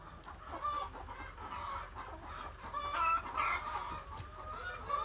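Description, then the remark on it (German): Several chickens cluck continuously, a busy overlapping chorus of short, throaty calls with a few sharper squawks rising above the flock. “Adler, wenn wir jetzt die Fangnetze nicht da und da haben würden, würden die direkt auf Hühner losgehen.”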